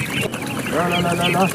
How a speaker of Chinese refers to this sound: 新一批小鸭子也将进驻这个生态家园。